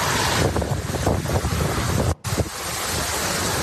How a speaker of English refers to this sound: You can see this video in particular. You want to take this full? Let's try to guess how strong this wind is.